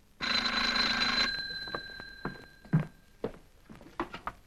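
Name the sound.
telephone ringing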